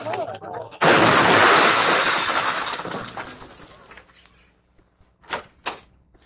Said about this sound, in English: The road home was narrow and curved, and I was driving way too fast when I blacked out. My car ran straight into an oak tree, and I flew headfirst into the windshield.